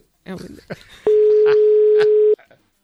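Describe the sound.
A steady, loud telephone dial tone before a phone call is placed, holding for over a second, with a voice talking just before it and brief speech sounds over and after it.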